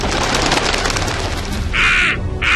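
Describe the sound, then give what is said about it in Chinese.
A crow caws twice, loud, harsh and raspy, the second call cut short, rising out of a steady rumbling background noise. “只好又向乌鸦婆婆求助了。”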